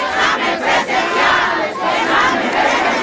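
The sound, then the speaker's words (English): A large protest crowd chants and shouts together, demanding an in-person test retake, in a loud, dense roar of many voices, rising and falling in a steady rhythm throughout. “As we talk, the crowd grows.”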